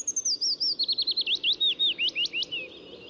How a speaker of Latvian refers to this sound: Turpinot iepazīt Latvijā ligzdojošos un sastopamos putnus, šodien mūsu uzmanībai Latvijas ornitoloģijas biedrības pārstāvis Zanis Dāvidsons stāsta par vītīti, kustīgo mazputniņu ar melanholisko dziesmu. Klausāmies!